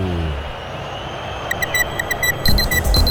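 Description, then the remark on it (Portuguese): A quick run of bright, evenly spaced electronic beeps, like a ticking clock chime, rises over a steady low background hiss and rumble, followed by a short tonal flourish at the end; a radio station's clock time-check chime marking 40 minutes of the final half during a live Brazilian football match broadcast. “Vem, relógio da Band News FM, marca, você confere, 40 minutos, etapa final.”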